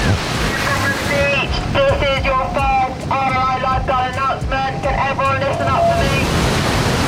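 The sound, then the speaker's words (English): Steady wash of surf and wind noise at a crowded beach in hot weather, with indistinct voices of people chattering throughout. “Looking around, you can see pretty much everyone's had the same idea.”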